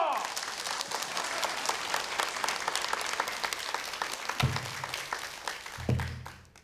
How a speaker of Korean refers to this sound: 그 대신에 여러분들 소리 끝나면 큰 박수 쳐주시고요. 대신에 제가 얼씨구 하면 여러분들이 원진주 명창 응원하는 마음 담아서 환영의 박수 부탁드리겠습니다. 얼씨구!